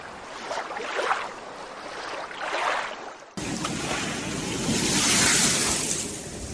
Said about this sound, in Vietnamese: Sông Răng, con sông ôm lấy vùng biên Môn Sơn của miền Tây Nghệ An, từ bao đời vẫn miệt mài chảy qua những bản làng của người Thái, người Đan Lai.